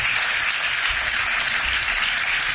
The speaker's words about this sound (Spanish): Una ovación que ha durado bastantes minutos